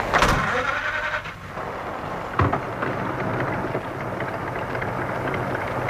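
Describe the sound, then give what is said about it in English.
A car engine catches with a sharp burst, then settles into a steady, rumbling idle, mixed with a constant hiss of rain, as the car is started to follow another car. No one speaks. “The light of a car coming down the drive. Time to start up, I think.”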